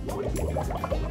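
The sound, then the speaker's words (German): Bath water is splashed to make waves, which whips up more foam; it sloshes and splashes steadily in a continuous churning wash, moderately loud, with no one speaking. “Jetzt mache ich noch mal Wellenbad. Umso mehr welliger ich es mache, umso mehr Schaum ist es.”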